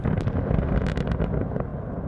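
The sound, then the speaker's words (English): Deep, sustained rumbling from blasting to create open-pit mines right beside villages in Russia, with a few sharper cracks and bursts breaking through a heavy roar that stays loud throughout, like explosions rolling across open ground. “Lementuyev sent me videos showing explosions used to create open pit mines right beside Russian villages.”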